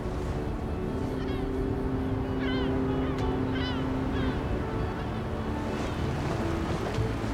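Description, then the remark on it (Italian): A steady, continuous wash of sea waves fills the scene, dense and unbroken throughout, with a few faint chirping calls rising briefly over the surf midway. “Il mare è sempre più vicino.”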